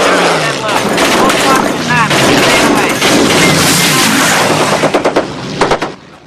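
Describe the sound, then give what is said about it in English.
The Memphis Belle bomber's ball-turret machine gun fires rapid, rattling bursts over a loud, steady engine roar, ending in a string of sharp, distinct shots before cutting off. “Rascal fires from the ball turret.”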